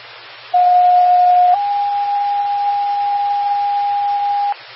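A loud, steady radio test tone sounds alone over faint static, holding one pitch for about a second before stepping slightly higher and sustaining for three more seconds, then cutting off.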